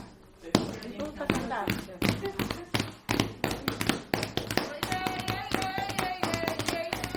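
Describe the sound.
A group claps a steady, driving rhythm with sharp, repeated hand claps while voices sing along and one person dances, the melody rising over the percussive beat throughout.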